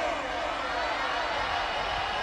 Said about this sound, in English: We want a round of applause for a DJ from KRUD Radio.